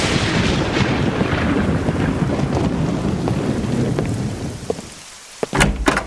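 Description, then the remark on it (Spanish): Steady heavy rain pours with a deep rumble of thunder rolling underneath, then near the end the rain thins and a few sharp cracks of thunder break out. “De seguro de estar intranquila con los truenos y la lluvia.”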